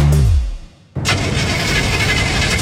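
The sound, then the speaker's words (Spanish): A car engine cranks with a steady grinding whirr after a brief low rumble fades out, churning loud for a couple of seconds without catching, failing to start. No voices. “Otra vez no me partió el auto.”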